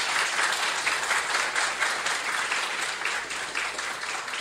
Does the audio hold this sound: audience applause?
yes